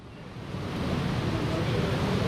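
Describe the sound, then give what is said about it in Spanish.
Heavy rain pours down on an open stadium in a steady, dense rushing hiss that swells slightly and holds constant, with no distinct drops or breaks. “Yo creo que se oye el agua, ¿no?”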